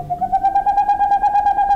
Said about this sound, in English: In the darkness of a northern forest, the hooting of a boreal owl. This is the male owl's song. These staccato notes can continue for more than an hour and carry for more than a mile.